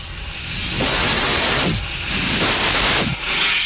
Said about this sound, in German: Den mobilen Kohlendioxid-Handlöscher benutzen. Beeindruckend. Und du findest den mobilen Kohlendioxid... In jedem Quartier und in jedem Modul in der Nähe der Tür. Entschuldigung. In der Nähe der Schotten.